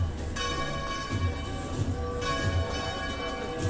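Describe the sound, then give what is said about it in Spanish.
Church bells peal continuously during a small religious procession carrying the monstrance through the streets toward the cathedral square, their bright ringing tones layered and overlapping, with a low outdoor rumble of a crowd or street beneath them. “Vemos también cómo se escucha el replique de las campanas, y ya prácticamente le seguirá a la custodia la calle Pelota y ya se adentrará en la plaza de la catedral, finalizando así este pequeño desfile procesional”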